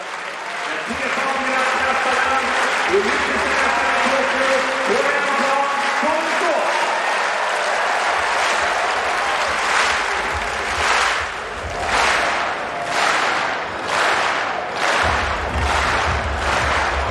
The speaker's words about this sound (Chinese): 这就主场便利啊，史塔尔要到了很好的这个全场观众给他打节奏这样的比赛氛围。